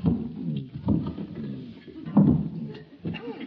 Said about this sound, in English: I'll move your chair. That's a man's job. Well... It's too heavy for a dainty little thing like you. I'll handle it.